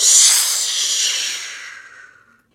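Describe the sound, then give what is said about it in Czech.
A long, piercing snake-like hiss, sharp and airy, starting strong and slowly fading out over about two and a half seconds, with no voices. “Ještě však z dohledu neodběhl, když se za ním ozval táhlý, pronikavý hvist.”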